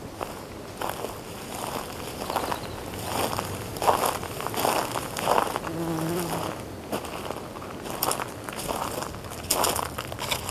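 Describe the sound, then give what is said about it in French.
Footsteps crunch over dry, brittle ground at a steady walking pace, fairly loud, with a faint insect-like buzz in the background; the first steps of a 6-kilometre walk to the ocean. “Premier pas.”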